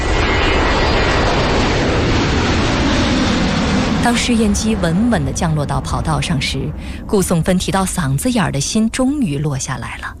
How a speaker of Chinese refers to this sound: 当试验机稳稳地降落到跑道上时，顾颂芬提到嗓子眼儿的心终于落下来了。